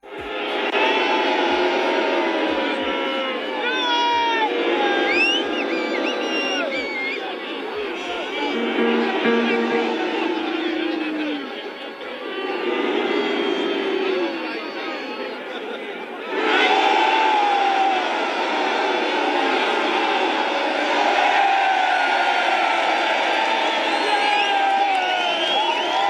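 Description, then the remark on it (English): A large protest crowd in England cheers and shouts continuously as pictures of European leaders and of Trump are shown, a dense roar of many voices with whoops and yells rising and falling, swelling louder again partway through. “And the crowd reacted to each picture.”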